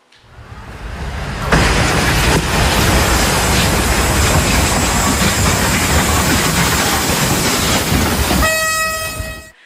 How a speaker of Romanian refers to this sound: Accident pe calea ferată în Polonia. Un tir blocat pe șine a fost lovit în plin de un tren de pasageri.